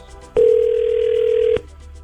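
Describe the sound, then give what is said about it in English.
A single ringing tone on a phone line at the start of a three-way call: one steady, mid-pitched buzz lasting just over a second, starting and stopping abruptly against a faint background hum, with no one talking. “Your 3-way call starts now.”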